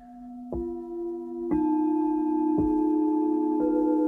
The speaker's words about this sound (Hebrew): או שאתם יכולים רק להקשיב בעצם לצלילים, ולהתבונן בצלילים של הקערות טיבטיות.